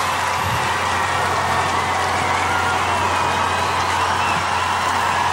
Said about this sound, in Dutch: Hoor dat applaus.